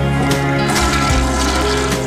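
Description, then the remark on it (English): A toilet flushes loudly, a continuous rushing, gurgling surge of water lasting about two seconds with no voices over it. “When Brown comes to town, you need a man who won't blush at the sound of a flush.”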